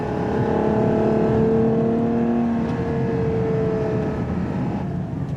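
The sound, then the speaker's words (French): The large 6.5-litre naturally aspirated V12 engine, 725 horsepower, of a Ferrari FUV (Ferrari Utility Vehicle) runs loudly and continuously, its deep, smooth tonal drone holding fairly steady with slight pitch wavering throughout; no voices. “puisqu'ils ont mis sous le capot de ce FUV, comme ils l'appellent, pour Ferrari Utility Vehicle, rien d'autre qu'un énorme V12 atmosphérique 6,5 litres.”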